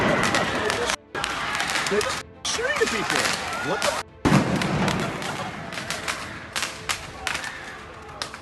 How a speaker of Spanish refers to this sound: Los afectados corrían para refugiarse de los desalmados que disparaban fuegos artificiales a todo el que pasara.